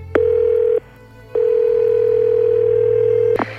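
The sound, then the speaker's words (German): A steady, mid-pitched telephone ringback tone sounds during an outgoing call: a short burst, a brief pause, then a longer burst, with clicks at the edges over a faint low hum. “Rufen wir doch mal an.”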